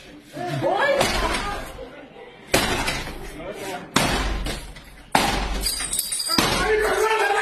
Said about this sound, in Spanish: En estas imágenes se observa un sujeto romper la puerta para entrar junto a otros encapuchados, fuertemente armados.